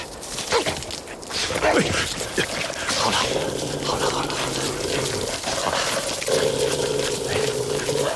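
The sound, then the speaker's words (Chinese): Moutai liquor pours out in a steady, continuous stream onto a wolf's bleeding leg wound to disinfect it, splashing for several seconds, with a faint low hum running underneath. “来，茅台牌消毒液。”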